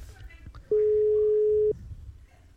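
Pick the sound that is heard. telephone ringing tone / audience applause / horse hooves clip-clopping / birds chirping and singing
telephone ringing tone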